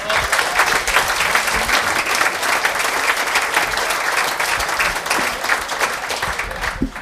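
Sustained audience applause, a dense, steady wash of many hands clapping at an even loudness for several seconds, with no voices standing out above it.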